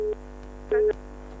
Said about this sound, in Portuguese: O telefone.